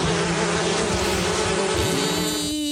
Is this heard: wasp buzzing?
yes